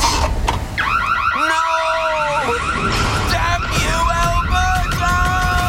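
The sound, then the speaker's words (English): An Alberta home security system alarm blares loudly and continuously, its electronic tones warbling rapidly and sweeping up and down in pitch, shifting between several patterns over a few seconds. “The police have reported a significant decrease in break-ins this week, and Smooth Sam seems to have met his match, an Alberta home security system.”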